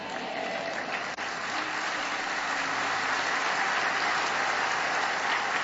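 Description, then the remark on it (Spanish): An audience applauds the Lord steadily throughout, a dense, sustained wash of many hands clapping with no pauses, loud and even from start to finish. “Vamos a darle un mejor aplauso al Señor.”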